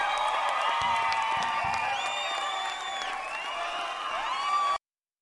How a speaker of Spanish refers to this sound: aplauso a la dinamita.